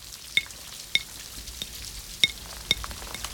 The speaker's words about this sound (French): Les gouttes glissent sur les vitres. Il y en a des grosses, il y en a des petites. Il y a celles qui vont très vite et celles qui prennent leur temps.